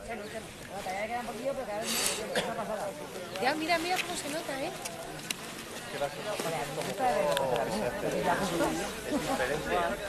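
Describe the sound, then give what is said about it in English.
A steady wash of crowd chatter where BBC News correspondent Pallab Ghosh is reporting, many overlapping voices blending into a continuous murmur with no single speaker standing out, holding at an even, moderate level throughout. “He's looking at, well, hopefully not directly at it, but we can hear crowds in the background.”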